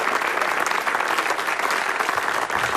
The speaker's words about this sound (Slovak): Zaslúžený potlesk ešte raz pre víťazov ceny verejnosti.